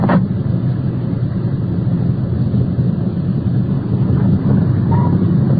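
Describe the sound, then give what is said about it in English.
A car engine rumbles steadily as the vehicle rolls along and swings into the circular driveway of a bar, a loud, continuous low drone with road and wind noise and no voices. “Swinging into the circular driveway of the bar.”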